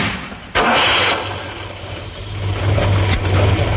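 A Ford Capri car engine starts up loud after a sharp click, then runs with a steady rumble that builds and rises in pitch toward the end, with a brief knock near the finish.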